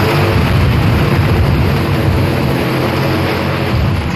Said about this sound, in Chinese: 哇，这是个 无人机。 无人机哦，这么大。 对，我们这吊橙子用的嘛，它可以吊100来斤吧。 快起飞，快起飞。